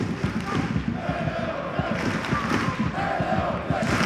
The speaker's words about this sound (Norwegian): Koser seg på tribunen nå hjemmesupporterne. Klappes over hele stadion mens de synger hele Alfheim.